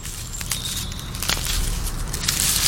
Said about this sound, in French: Écoute, tends bien l'oreille. T'entends pas ? Bah, d'où provient ce son ? Oh, mais c'est une limace qui mange une feuille !